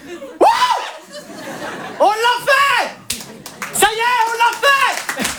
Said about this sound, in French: Alors vous applaudissez, mais pas, vous savez pas pourquoi.